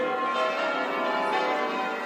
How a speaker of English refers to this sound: No, it's a splendid sound. And the maintenance on the bells means we should be hearing it from St Mary's for quite some time to come.